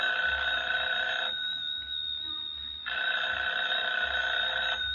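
A telephone rings in two long bursts of bright, buzzing electric bell tone, separated by a pause of about a second and a half. The ringing is steady and loud, with no voices.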